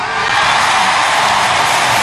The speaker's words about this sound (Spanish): Fuerte ese aplauso para Jesús. Que viva Jesucristo. Fuerte ese aplauso para Jesús. Fuerte ese aplauso, apláudelo. Aplaude a Jesús, alábalo.